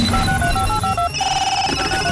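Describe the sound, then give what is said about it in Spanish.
A telephone rings as a radio show dials a listener, a loud electronic trill of rapid repeating pulses, shifting midway into a steadier, higher ringing tone. No one speaks over it. “Vamos a marcarle, por favor.”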